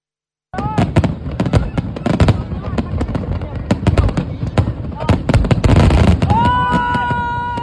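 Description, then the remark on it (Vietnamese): Fireworks burst repeatedly over the Hàn River in Da Nang at 8 pm, opening the Da Nang International Fireworks Festival 2026: a dense rapid barrage of booms and crackles with whistling rockets rising, plus a crowd murmuring and cheering beneath. “20 giờ tối nay bên bờ đông sông Hàn, khai mạc lễ hội pháo hoa quốc tế Đà Nẵng với chủ đề Đà Nẵng những chân trời kết nối do Ủy ban nhân dân thành phố Đà Nẵng phối hợp với tập đoàn Sun Group tổ chức.”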